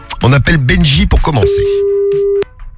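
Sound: telephone ringing tone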